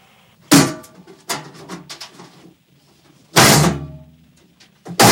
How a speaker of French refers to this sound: Attendez, je vais essayer d'ouvrir la porte, quoi. Mais la cage, elle est bloquée.